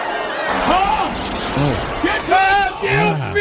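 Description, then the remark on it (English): A crowd screaming sound effect: a loud crowd screams and yells continuously, many overlapping voices rising and falling in pitch, forming a dense, chaotic roar for a few seconds. “Now I got to find the crowd screaming sound effect somewhere.”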